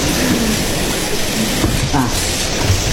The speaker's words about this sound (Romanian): E o furtună în toată legea.